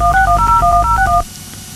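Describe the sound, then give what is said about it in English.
A rapid run of touch-tone beeps as a telephone number is dialed, about ten short paired tones in quick succession, fairly loud, over a low hum, then cutting off. “Wake up and answer the phone.”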